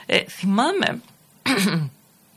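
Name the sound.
coughing and throat clearing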